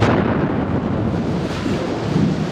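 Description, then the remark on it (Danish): A loud, deep rumble from a bomb explosion rolls on steadily for a few seconds, a dense low roar with no sharp break and no voices. “Ja, en eksplosion, en bombe.”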